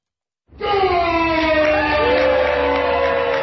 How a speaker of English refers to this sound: The level of cheers from the crowd determined which wine would move forward to semifinals and finals.